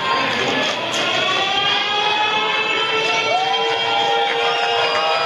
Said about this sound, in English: The big board in left center, prompting the crowd to get loud. They oblige.